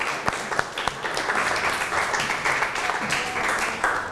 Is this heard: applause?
yes